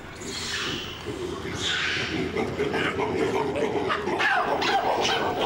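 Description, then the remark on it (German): A group of baboons in their enclosure at Hagenbeck's Tierpark erupts in sharp, barking alarm calls at a foreign object in the enclosure. One starts and the rest join in, several animals overlapping in a loud, continuous chorus that keeps going the whole time. “Irgendeiner fängt an und schreit Alarm, Hilfe, und dann machen alle mit.”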